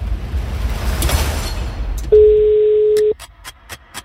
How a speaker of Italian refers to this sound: Primo squillo, sì.